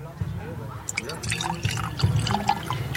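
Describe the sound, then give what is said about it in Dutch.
Wine trickles and splashes into special wine glasses, a soft, uneven pouring sound with small drips, only a little poured for tasting, while quiet voices murmur in the background. “Even luisteren of we dat inschenken kunnen horen.”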